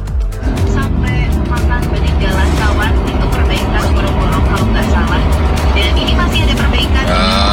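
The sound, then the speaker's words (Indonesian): Congested road traffic at Kendal Paya near the Bululawang junction rumbles steadily, with heavy car and bus engines idling and creeping along, a continuous dense drone throughout, and some voices faintly mixed into the noise. “Sebenarnya tadi menelpon di Bululawang pertigaan, posisi dari Kendal Paya ini macet sekali.”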